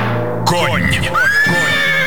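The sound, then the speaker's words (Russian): In an advertisement for a men's shower gel, a horse lets out one loud whinny, its shrill pitch quavering up and down for about a second and a half before trailing off, right after a brief low droning tone. “Ощути всю силу и прыть орловского рысака.”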